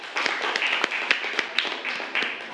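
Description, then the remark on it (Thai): A group of classmates claps together in a steady burst of applause for a fellow student who has just presented an artwork, with sharper individual claps standing out above the dense, bright patter for a few seconds. “ครับขอเสียงปรบมือให้เพื่อนหน่อยครับ”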